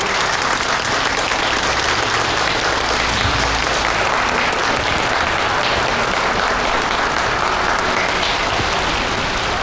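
A wedding audience applauds steadily for nearly ten seconds as the groom's father is invited on stage to speak, a dense, loud wash of clapping hands with no voices standing out.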